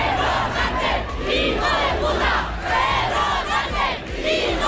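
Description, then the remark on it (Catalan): A large crowd shouts insults at Pedro Sánchez during the 12 October Hispanic Day events, many voices jeering loudly together in overlapping, rising-and-falling cries that continue without a break for several seconds. “Un cop més, Pedro Sánchez va ser el focus dels insults.”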